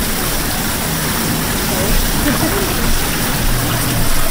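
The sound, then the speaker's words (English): A Hollander beater, a machine like a cement bathtub, churns paper pulp in the production hall of a paper mill in Poland that uses old technology from medieval Italy. It makes a steady, loud wash of watery rushing and low mechanical rumble, continuous throughout with no distinct beats or pauses. “Very mysterious looking machine, like a cement bathtub. Yeah, this is a Hollander beater. This is our device to make paper pulp.”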